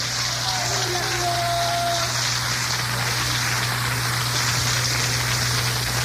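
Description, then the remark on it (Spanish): An audience applauds for Jesus in an evening gathering, a dense, steady wash of clapping that holds for about six seconds, with a low constant hum underneath and a brief tonal cry or whistle near the start. “Denle un aplauso a Jesús en esta noche.”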